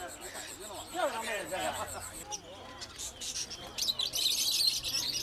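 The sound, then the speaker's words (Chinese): Small caged birds for sale at a rural market chirp and tweet busily, high bright calls layered over a murmur of market chatter, growing denser and louder toward the end. “这还没走两步，就吵着闹着要买只小鸟带回家。”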